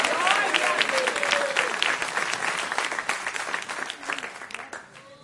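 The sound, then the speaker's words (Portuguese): An audience at an evening church service bursts into sustained, dense applause for Jesus, many hands clapping at once in a steady roar that holds strong for several seconds before thinning slightly at the end, with scattered voices calling out underneath. “Se essas palmas é para Jesus, tem que ser umas palmas bem bonitas, bem avivadas.”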